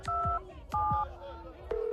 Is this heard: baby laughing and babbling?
no